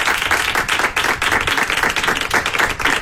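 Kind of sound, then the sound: crowd, audience applause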